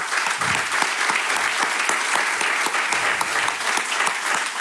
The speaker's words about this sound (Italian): Buongiorno, benvenuti alla 20ª assemblea di Conf Cooperative Lavoro e Servizi. Accogliamo con un caloroso applauso Alfredo Mantovano, sottosegretario alla Presidenza del Consiglio dei Ministri.